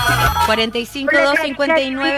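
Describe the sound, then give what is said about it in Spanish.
A melodic electronic phone ringtone plays loudly and steadily for an incoming call, a looping sequence of bright stepped tones lasting a couple of seconds. “Nos vamos al teléfono.”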